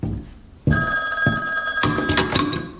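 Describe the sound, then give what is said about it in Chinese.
A telephone bell starts ringing abruptly with a call from Nanjing and keeps going, a bright, continuous metallic trill with repeated bursts, fairly loud, with no one talking over it. “校长，南京电话。”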